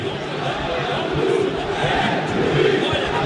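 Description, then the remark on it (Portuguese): A stadium crowd booing the referees at a football match involving Vasco as bottles are thrown toward the referees, a loud, sustained roar of many voices with swelling jeers that rise and fall over a few seconds, filling the whole clip without any single voice standing out. “Pois é, muitas vaias aqui agora nesse momento, até garrafas, inclusive, sendo atiradas na direção da arbitragem.”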